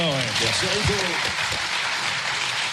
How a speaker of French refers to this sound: Je crois qu'on peut l'applaudir pour tout le travail.